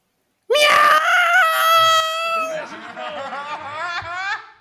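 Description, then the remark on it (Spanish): A loud, drawn-out cat yowl from a cat whose paw got caught: a high, piercing wail that holds steady for about two seconds, then breaks into shakier, wavering cries before cutting off. “Un gato al que pillaron una pata.”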